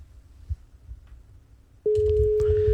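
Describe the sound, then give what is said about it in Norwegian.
After a moment of low background rumble, a loud, steady telephone ringing tone of a call placed to a listener's mobile phone suddenly starts and holds unbroken through the end, with a faint hum beneath it. “Nå så har du meldt deg på kasino, så tar du opp mobilen din, sitter klar med den I lanka, og så kan du sjekke om det din som ringer akkurat nå. For nå ringer det nemlig.”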